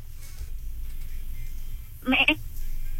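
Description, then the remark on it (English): A person imitates a goat with one short, nasal, wavering bleat, loud, lasting about half a second after a stretch of quiet low rumble. “Please give us your best goat.”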